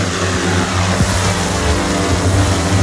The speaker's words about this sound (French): Le drone, lui, pèse 5 kg pour 1,20 m d'envergure. C'est un drone qui peut monter jusqu'à 40 mètres de hauteur. Là, on peut le mettre en route ? On peut le mettre en route.